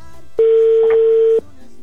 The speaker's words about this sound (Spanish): Ya está sonando, amigo, el teléfono de tu esposa. Pon chonguitos para que lo escuches.